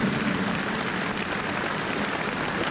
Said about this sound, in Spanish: Qué hermosa frase. Un aplauso a Santa Teresa de Jesús, bien fuerte.